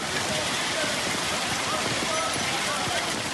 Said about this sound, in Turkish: Küçükçekmece'de sağanak yağış nedeniyle yollar göle döndü. Rögarlar taştı. Sürücüler ilerlemekte güçlük çekti.